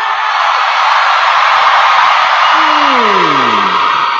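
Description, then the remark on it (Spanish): A section of an audience shouts together on a count of one, two, three, in one loud, sustained roar that holds steady throughout, with a single voice sliding downward in a falling whoop near the end. “A mí sí me hace que ese es el lado que más grita.”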